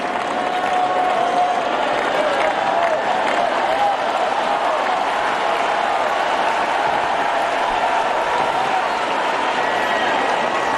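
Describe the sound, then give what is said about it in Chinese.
Sustained applause from a large live crowd at a tennis match, clapping for Gauff, a dense, even wash of clapping that holds steady at full volume for about eleven seconds, with faint murmurs of voices mixed underneath. “出现这样的突发局面，对于高夫来说是承受着一定的压力的，而现场的掌声也给到他，希望他能够再接再厉。”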